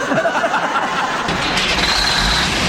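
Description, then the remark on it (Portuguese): A truck engine turns over and catches at dawn, then settles into a deepening, steady rumble as the truck pulls away onto the road, fairly loud amid broad hissing noise. “Ele sai logo de madrugada e vai pegando a estrada com seu caminhão.”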